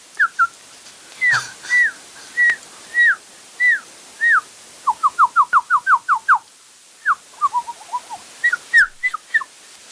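A bird calls alone, giving repeated clear whistled notes, then a quicker run of rising chirps, followed by a few more scattered whistles.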